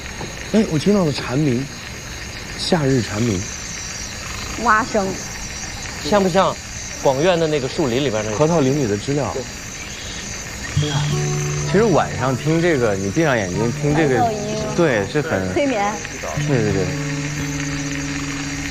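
A steady, high-pitched drone of cicadas fills the background while frogs croak in repeated, rising calls, clustered in bursts throughout, like a warm summer night outdoors.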